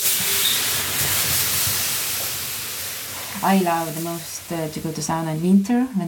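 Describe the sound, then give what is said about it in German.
A large ladle of water poured over hot sauna stones bursts into a loud, steady sizzling hiss that gradually fades over about three seconds before someone begins speaking. “gießt eine große Kelle Wasser über die heißen Steine.”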